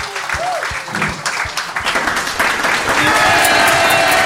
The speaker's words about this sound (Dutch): Dames en heren, heeft hem een daverend applaus